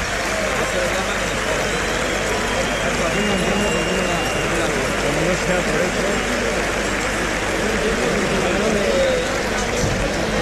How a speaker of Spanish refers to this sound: La ovación que escuchan es porque han hecho su trabajo los cabestros de la Plaza de Toros de Sevilla.